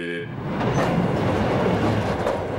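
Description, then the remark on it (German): A railway wagon running into a shunting yard is braked with sparks flying, giving a steady, loud grinding rumble with a harsh hiss that swells after a brief start and holds for a couple of seconds. “Und zack, und jetzt wird er gebremst. Hast du gesehen, wie die Funken sprühen?”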